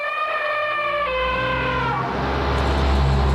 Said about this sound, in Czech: V té chvíli Rádža Rimba, šedivý pán divokých slonů, zvedl svůj vrázčitý chobot k obloze a zatroubil.